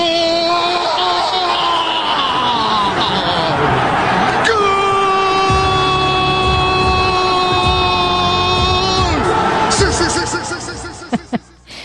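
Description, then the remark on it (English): A sports announcer's goal roar at the World Cup, as a goal is scored: rapid, excited shouting builds into one long, loud, sustained yell held for about five seconds at a steady pitch, then breaks off into a few short clicks. “And that's actually called the goal roar.”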